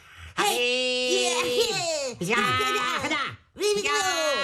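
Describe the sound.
Voices mimic martial arts fighting noises into a microphone in three long, loud, strained shouts with swooping pitch, separated by brief pauses and no ordinary talk.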